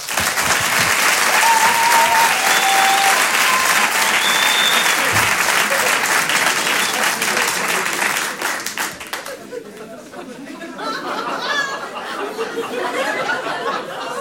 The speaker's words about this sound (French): Je vous demande également un tonnerre d'applaudissements, s'il vous plaît, pour Aymeric Lompré.